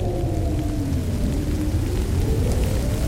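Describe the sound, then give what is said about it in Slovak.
Rain begins to fall in a steady, dense hiss with a low rumbling undertone, holding at an even, fairly loud level throughout. No voices are heard. “A ešte aj toto. Začína pršať.”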